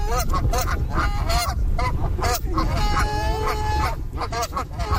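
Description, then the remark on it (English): Geese honk loudly and repeatedly, several birds calling over one another in a noisy, overlapping chorus with harsh, nasal blasts and no speech. “the actual act of feeding them will actually habituate them to people, which isn't always a good idea because not everybody really appreciates having a goose coming up close to them.”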